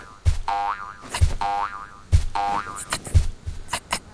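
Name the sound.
boing effect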